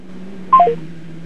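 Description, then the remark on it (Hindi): A phone's call-ended signal as the call disconnects by itself: three quick electronic beeps stepping down in pitch, fairly loud, over a steady low electrical hum with no talking. “ये फिर फोन स्वतः ही डिस्कनेक्ट हो गया भाई।”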